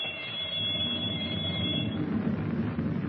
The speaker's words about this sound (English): In the control compartment, he holds Captain Denning at gunpoint while the torpedo firing alarm bell rings through the steel hull.